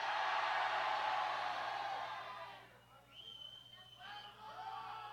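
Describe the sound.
A large crowd at a show in Aguascalientes shouts a name together on a count of three for a group photo, one loud, sustained burst for a couple of seconds, then the roar fades into lighter scattered voices and a faint tonal sound.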